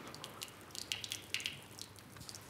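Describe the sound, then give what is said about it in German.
Water drips and splatters onto the floor of an office in a quick, irregular series of small wet taps, with a couple of louder splashes in the middle, over a faint hiss. “Wollen Sie das Büro unter Wasser setzen?”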